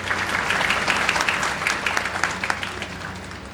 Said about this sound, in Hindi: तालियां बजती रहे।